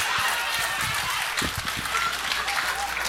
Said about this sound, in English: This is the best audience we've had. This will be the applause track right here.